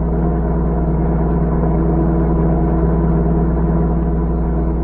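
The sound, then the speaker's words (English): A car engine drones steadily and loudly throughout, a continuous low rumble with a slight rise as if driving along at speed, with no voices; the car's motor is not running well and it won't go faster than 40 miles an hour. “Drive faster. This isn't a pleasure trip. I can't seem to go faster.”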